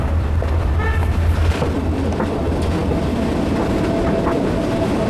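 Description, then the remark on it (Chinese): A train rolls slowly along a century-old railway, once a main transport artery of southern Yunnan, China, near Xizhuang Town and now a tourist line; its steady low rumble and faint rhythmic clatter are continuous throughout, with a brief metallic squeal partway through and no voices. “火车缓缓而行，带给人们浪漫与休闲的体验。”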